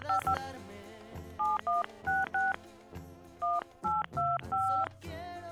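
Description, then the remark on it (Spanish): A rapid string of touch-tone telephone dialing beeps, dialing a phone call that is not getting through, about a dozen short dual-pitched tones in uneven clusters, clear and steady over a low background murmur. “Que no entra la llamada, a ver.”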